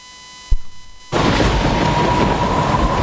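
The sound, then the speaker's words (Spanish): A short low thud, then a sudden, loud, steady roar of heavy rain from a storm outside in cold weather, pouring on without letting up. No voices are heard. “La lluvia y el frío afuera.”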